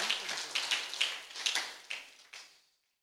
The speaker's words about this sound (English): Let us clap for the Lord.